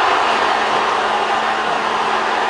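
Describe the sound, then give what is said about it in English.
A large crowd of fans roars in a loud, continuous wash of cheering and shouting outside Portugal's team hotel on Bremner Boulevard in Toronto, as Ronaldo and teammates wave from the hotel balcony, with no single voice standing out across the short stretch. “Yeah, from Portugal's team social, the sounds of Ronaldo and teammates waving from their hotel balcony, looking down to a sea of people on Bremner Boulevard.”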